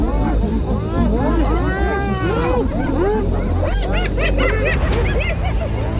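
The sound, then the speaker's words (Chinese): Outnumbered lions snarl and roar while holding out against a besieging pack of spotted hyenas, unable to feed; the hyenas' rising whoops and cackling giggles overlap in a loud, frantic chorus that never lets up. “他们虽然在斑鬣狗的围攻下坚持抵抗，但在这种情况下根本无法进食。”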